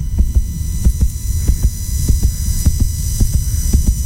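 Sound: rapid heartbeat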